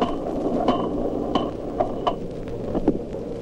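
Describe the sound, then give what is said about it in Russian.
Dolphin echolocation clicks from a recording slowed down eight times: about five separate, irregularly spaced knocks with a dull, thudding quality, standing out over a steady low rumbling hiss. “Отдельные щелчки слышны хорошо, но больше ничего разобрать нельзя.”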